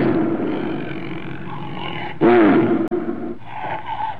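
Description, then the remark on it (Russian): A caged lion roars: a low, rumbling growl builds, then one loud, strained roar bursts out near the middle before easing back into quieter grumbling. No one speaks. “Иногда поздно ночью, когда город погружался в сон, я слышал его рев, доносившийся из-за холмов. Этот рев был скорее мрачным, чем свирепым.”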